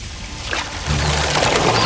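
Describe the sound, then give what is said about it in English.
Water runs steadily into a sink to give Licky a little bath, a continuous hissing rush that grows slightly fuller partway through as a low rumble joins in. No one speaks. “I'll just give you a little bath in the sink.”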